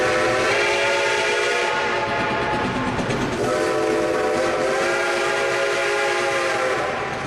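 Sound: train departing with horn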